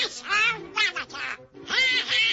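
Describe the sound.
A voice imitates Donald Duck, letting out three raspy, garbled quacking bursts with brief pauses between them.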